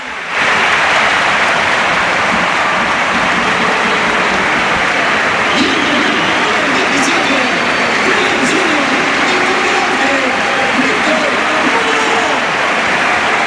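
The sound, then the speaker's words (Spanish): The crowd at the Sánchez-Pizjuán stadium gives a sustained ovation for Lamine Yamal as he is substituted off during a Spain match, loud, dense applause and cheering rolling on steadily for the whole stretch, with a faint murmur of voices mixed into the roar. “Bueno, pues el aplauso evidentemente para Lamín.”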